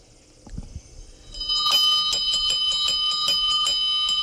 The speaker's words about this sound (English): Hey, is it time for my bell ringing to go on? Yeah. You need to do that, like, right now.